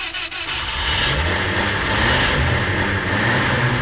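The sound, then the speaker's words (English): A next-door neighbour's car engine turns over and catches one morning, then revs steadily with a rising, droning roar that stays loud throughout, with no voices. “Well, one morning, while I was lying in bed with Sue, as so often happens, my slumber was woken by the next-door neighbour starting their car.”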